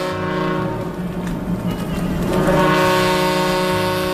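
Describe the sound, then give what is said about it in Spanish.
Harbour ship sirens at the port of Alicante, 12 October 1936, blare in long, sustained, low horn tones with rich harmonics, holding steady and loud throughout and swelling slightly toward the end, with a faint low rumble beneath and no voices. “Las sirenas del puerto rompen la calma.”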